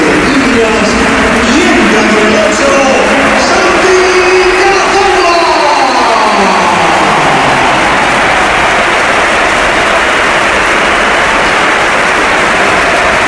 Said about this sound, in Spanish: Y esta es la ovación que le ha dedicado el Bernabéu, que ha sido espectacular también cuando entraba el jugador del Oviedo.